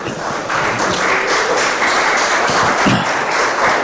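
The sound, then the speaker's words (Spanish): Sustained applause from an audience giving a strong round of applause to the Lord, a dense steady wash of many hands clapping at once, fairly loud and even throughout with no speech over it. “Le podemos dar un fuerte aplauso al Señor.”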